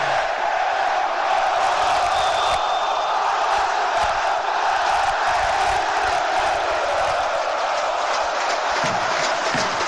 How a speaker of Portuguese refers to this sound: A torcida do Vascão aí cantando.